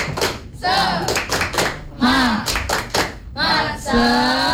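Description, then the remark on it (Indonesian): A group performs the 'tepuk semangat' spirit clap, clapping in a quick, rhythmic pattern of sharp, loud bursts while voices chant along over the beat. “Tepuk semangat.”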